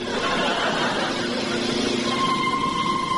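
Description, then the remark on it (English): A car drives toward the closed gates of a level crossing, its steady engine roar and road noise holding constant throughout, and a thin whine rises in the last second. “stop the car, Sid. There's a good city boy. Look, big gates closed.”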